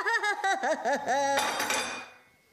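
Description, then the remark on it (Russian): A wavering, voice-like tone gives way to a sudden loud crash of a cup being broken, a bright shattering burst of crockery whose clatter fades away over about a second. “Это ты зачем разбила чашку?”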